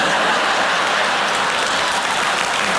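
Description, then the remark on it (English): A stand-up comedy crowd applauds a joke by comedian Jeff Allen about shooting his sister with a BB gun, steadily for about three seconds, a dense, loud wash of many hands clapping with no pauses and no voices standing out. “Don't clap, man.”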